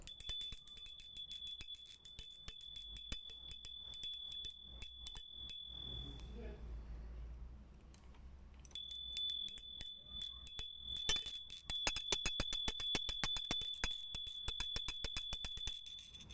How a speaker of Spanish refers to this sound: A ver, ¿cómo suena la campana? ¿Qué va a tener? Toma. Toca, toca.